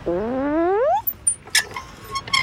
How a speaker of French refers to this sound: il y a les balançoires vertes qui grincent quand Toudou monte dessus.